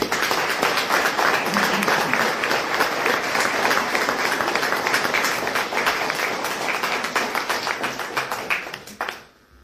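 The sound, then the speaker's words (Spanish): A Christian church community applauds children about to make their first communion, sustained crowd applause, dense and steady with many hands clapping at once, fairly loud throughout before tapering off abruptly near the end. “Los recibimos con mucho cariño, dándole un fuerte aplauso a ellos.”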